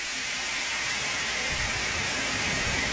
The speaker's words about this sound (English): And here comes the water.